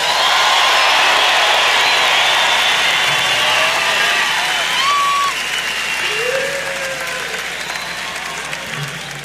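A large audience applauds loudly and steadily throughout, with whistles and scattered cheers rising above the dense clapping, which eases off slightly toward the end.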